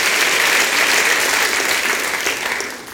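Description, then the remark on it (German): Steady audience applause for a poetry performer, a dense wash of many hands clapping at a loud, even level throughout, thinning slightly near the end. No voices can be made out. “Dein Applaus!”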